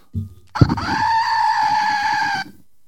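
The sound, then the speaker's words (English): A loud, sustained bleating cry from a goat noisemaker, with bright harmonic overtones held for nearly two seconds, preceded by a short clatter and low thump. “And I have a goat.”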